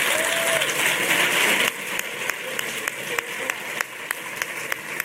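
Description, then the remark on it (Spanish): An audience applauds the performer's teachers as they come up to join a round of tonás, in a dense, steady burst that thins after a couple of seconds into scattered individual claps. No one speaks. “Y pido un fuerte aplauso para ellos, para mis maestros.”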